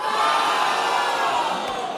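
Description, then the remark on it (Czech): A huge football stadium crowd at Letná in Prague roars in celebration of a Slavia Praha goal by Antonín Hoď against Hungária, a dense, steady wall of cheering and shouting that stays loud and sustained throughout, with no individual voices standing out. “Antonín Hoď poslal míč do hudofické Hungárie a ovecenstvo na Letné dá svou radost náležitě na jeho.”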